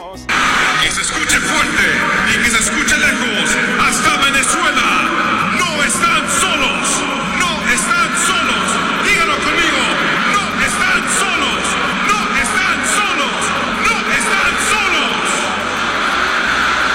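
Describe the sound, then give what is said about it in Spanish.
A huge stadium crowd before the Ecuador–Mexico football match chants and roars in unison to Venezuela, a dense wall of voices with a steady pulsing rhythm that stays loud and unbroken throughout. “Observamos antes del encuentro de Ecuador y México, los jugadores de México, los jugadores de Ecuador, presidente de la FIFA, una cantidad de personas en el estadio gritándole a nuestra patria bonita, no están solos y no estamos solos.”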